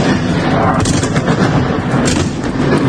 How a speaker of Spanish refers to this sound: Madrugada complicada la que se ha vivido en Kiev, la capital ucraniana. Ha estado gran parte de la noche bajo intenso fuego ruso.